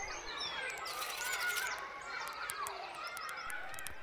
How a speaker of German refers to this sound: Die drei kleinen Vögel verbrachten noch einige Zeit miteinander, flogen um die Wette, spielten Fangen und zwitscherten sich ihre schönsten Melodien zu.